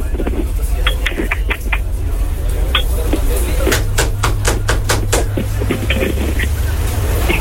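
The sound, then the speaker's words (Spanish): A quick run of sharp, loud knocks on a door, about eight raps in a fast burst, follows a few scattered lighter taps, all over a steady low hum. “¿Quién toca la puerta?”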